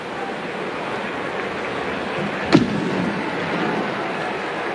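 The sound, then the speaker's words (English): A single sharp firework bang cracks out midway, followed by a brief rumbling tail, over a steady wash of crowd-like background noise with no one speaking. “Not sure if that was a home run firework or just because we're on the south side of Chicago.”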